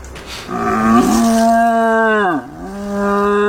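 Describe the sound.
Croatia's champion deer caller blows through his horn to imitate a young deer's roar: one long, loud, low bellowing call that dips briefly in pitch near the end, then carries on. No one speaks.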